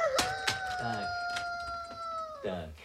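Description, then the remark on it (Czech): A rooster, kept in a bedding chest, lets out one long, sustained, loud crow, holding a steady tone for over two seconds before breaking off, with brief murmurs and rustling around it. “Ale taťuldo, kohout nelítá.”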